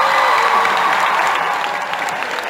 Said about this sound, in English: Please, big round of applause for the band. They are going to play with us this song.